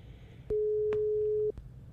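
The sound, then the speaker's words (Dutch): A single steady telephone ringing tone, heard by the caller, sounds for about one second against a quiet line with a few faint clicks. No one speaks. “U hoort de telefoon overgaan.”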